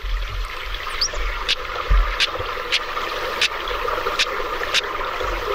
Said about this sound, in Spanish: Pues una taravilla en nuestro último amigo alado que nos saluda en el paseo